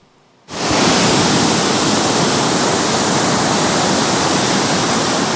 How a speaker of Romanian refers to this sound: Ploile torențiale au făcut ravagii în județul Buzău. Un râu care a ieșit din matcă a distrus un pod și a izolat două sate.